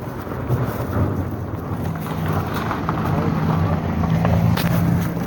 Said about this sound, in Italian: Nel tempo era passata una macchina.